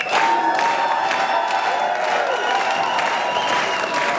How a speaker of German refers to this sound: In beiden Fällen gibt's Applaus. Genau so wurde gestern gejubelt im Lungau.